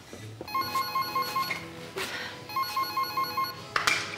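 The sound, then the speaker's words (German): A telephone rings on an outgoing call: two long bursts of trilling, bell-like electronic ringing separated by a short pause, moderately loud, with no one speaking. “Rufen Sie ihn bitte an, er soll vorbeikommen und zwar hurtig.”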